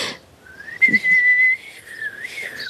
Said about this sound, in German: Und dann puste ich drauf. Das war nicht gepustet, das war gepfiffen. Entschuldigung, es macht einfach so viel Spaß. Ich kann gar nicht aufhören.